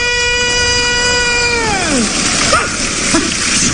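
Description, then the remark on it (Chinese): At the Spring Festival Gala, a crowd breaks into steady, dense applause as a long, drawn-out sung vegetable seller's street cry slides downward and fades; the clapping continues loud and even to the end. “啊，这么多人鼓掌。”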